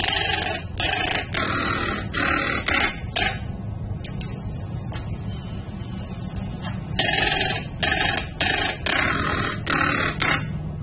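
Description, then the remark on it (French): A harsh, buzzy bird call repeats in quick bursts, two separate runs of rapid pulses that sound mechanical, like a power tool, over a steady low rumble with no talking. “C'est un oiseau, là. Ah, c'est un oiseau. OK, je pensais pour vrai que c'était un outil.”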